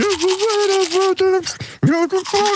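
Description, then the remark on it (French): A buzzing electric toothbrush distorts a voice humming a wavering melody, heard loud in short phrases with brief breaks between them. “Bon, on va écouter le jeu, l'extrait de la brosse à dents pour ceux et celles qui n'étaient pas là.”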